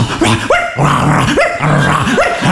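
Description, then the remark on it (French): A man's voice imitates a dog, letting out a series of loud yaps and barks in an uneven rhythm, with short whiny rising cries between them. “Vous m'avez dit de faire le chien, putain, fais le chien”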